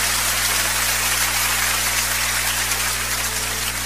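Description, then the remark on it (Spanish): A large crowd claps in a dense, continuous wash of applause that holds steady for a few seconds, with a faint low hum underneath and no voices, as a Spanish-language church audience stands and applauds the Lord. “Póngase de pie y aplaudan al Señor.”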